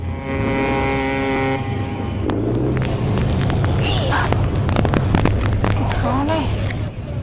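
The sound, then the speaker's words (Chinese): A fishing boat's motor drones steadily as the boat comes in to the dock at Shazikou fishing port in Qingdao, China, around 4 a.m., its low rumbling hum louder than the sea waves and harbor noise throughout, with faint voices in the background. “船灯越来越亮，马达声大过了海浪声。”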